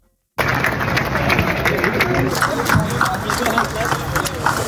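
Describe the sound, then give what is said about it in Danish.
An outdoor crowd of demonstrating farmers claps steadily at Christiansborg Palace Square as 300 tractors arrive in the morning, with scattered sharp hand claps over a dense wash of murmuring voices and a low background rumble, the noise starting abruptly and staying loud throughout. “Ja, der blev klappet, da 300 traktorer i morges ankom rullende ind på Christiansborgs Slotsplads, og mens politikerne i Folketingssalen andenbehandlede et lovforslag, som skal begrænse landmændenes brug af gødning, demonstrerede tusindvis af landmænd”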